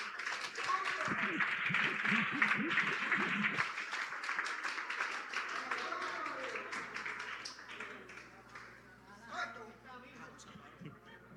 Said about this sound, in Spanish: un fuerte aplauso, que pase adelante.